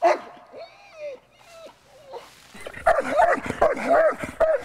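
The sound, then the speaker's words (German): A customs service dog named Amy barks rapidly and excitedly during a training exercise, holding a man playing a fugitive at bay: a dense run of sharp, overlapping barks after a few higher whining yelps at the start, growing louder and more insistent toward the end. “Zoll, setz den Hund ein!”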